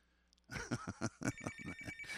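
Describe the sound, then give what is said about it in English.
A telephone rings with a fast, rattling bell trill of rapid repeated strikes, loud and continuous after a brief quiet start. “Well, the phone's ringing”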